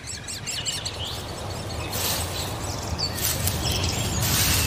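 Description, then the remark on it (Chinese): Great spotted woodpecker chicks being fed: shrill, rasping chirps and squeaks come in bursts, swelling louder in the second half over a steady low rumble of background noise, with no voices. “大斑啄木鸟正忙着喂食贪吃的雏鸟。”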